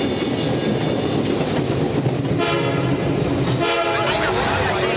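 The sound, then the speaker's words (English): A train rolls into a station with a steady, heavy rumble, and a sustained tonal whine rises over it in the second half as it slows. “Outside, the train pulls into the station”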